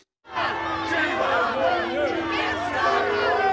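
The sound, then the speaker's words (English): A crowd jeers and shouts over one another, a continuous din of booing, yelling and overlapping raised voices that starts suddenly and stays loud and dense throughout, booing and heckling the Prime Minister on his visit to the North London area where two Jewish men were stabbed. “The Prime Minister booed and heckled when he visited the area where two Jewish men were stabbed in North London this week.”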